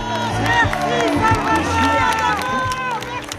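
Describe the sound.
A large crowd of fans applauds and cheers after a concert in a steady, dense roar, with many voices calling out over the clapping throughout the few seconds.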